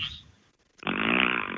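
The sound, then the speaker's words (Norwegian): After a short quiet pause, a person blows a loud, sustained raspberry imitating a fart, a buzzy, steady sound lasting most of a second and cutting off abruptly. “Jeg lagde en sånn der liksom prompelyd liksom over...”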